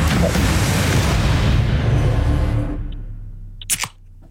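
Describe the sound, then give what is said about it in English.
A second soda can is handled, with a loud, rough rattling rush that fades over a few seconds, then two or three quick, sharp metallic clicks before quiet. “Anyway, here's can number two”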